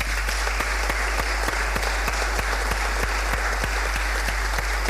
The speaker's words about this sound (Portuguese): uma salva de palmas.